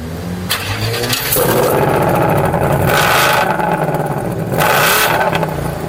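The 5-litre V8 engine of a Mustang GT sports car fires up and revs hard several times, each deep throaty surge climbing in pitch before dropping back to a rumbling idle, loud and with no one speaking.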